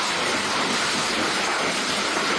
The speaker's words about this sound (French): Le bruit de la pluie et des orages parfois violents, comme ici à Compiègne dans l'Oise, qui se sont déchaînés donc hier dans la nuit et dans la soirée également dans de nombreux départements.